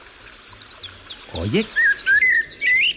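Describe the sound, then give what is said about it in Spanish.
A blackbird sings outdoors: a quick run of short high chirps, then a swooping low-to-high note and several warbling phrases, fairly clear against quiet background noise with no talking. “Oye, qué bien canta, pero ¿qué ha dicho exactamente?”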